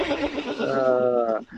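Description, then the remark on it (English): A person imitates a horse whinny: one loud, wavering voiced call lasting about a second and a half, with a quavering tremble that rises and fades out at the end. “Horse or human?”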